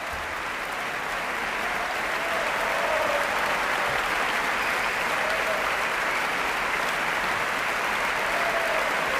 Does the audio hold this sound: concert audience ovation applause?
yes